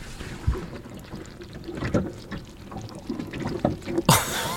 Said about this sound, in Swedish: Hade ni en hink där med kräfter som liksom krälar runt? Ja, det har vi. Vi har en låter stor det? Balja. Ja, men just nu står de rätt så stilla, men så här låter det.